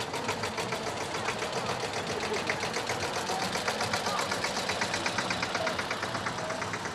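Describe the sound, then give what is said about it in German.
A tractor engine runs steadily at a folk festival (Volksfest) in the Hüppental. Its rapid, rhythmic chugging and clatter are continuous and fairly loud throughout, with faint indistinct voices in the background. “Hierher darf kein Auto und schon gar kein Trecker fahren. Aber heute ist Volksfest und fast alles erlaubt.”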